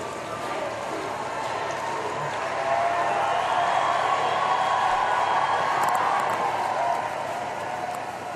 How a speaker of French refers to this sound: Voilà, donc maintenant le Saint-Père emprunte les rues de Metz pour partir. Et encore une foule assez nombreuse, très nombreuse, est dans les abords de la cathédrale et qui crie encore merci.